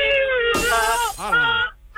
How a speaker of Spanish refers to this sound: Todos los cristales del estudio rotos